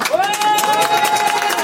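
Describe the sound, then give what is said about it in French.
A crowd claps and cheers to vote in an applause-meter poll for RTL radio, in a dense, steady burst of applause, with a sustained high whoop or whistle riding over the clapping throughout. “On va faire l'applaudimètre.”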